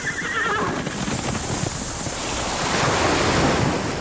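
Ocean waves wash in a steady, broad roar that swells louder toward the end, with a brief high horse-like whinny near the start and no talking.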